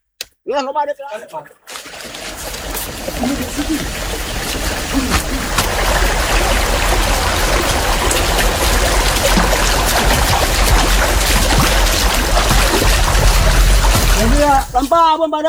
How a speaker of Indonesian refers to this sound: Pengambilan air suci ini dilakukan di suatu tempat, di hutan. Air ditampung dalam bambu yang diukir dengan cara khas.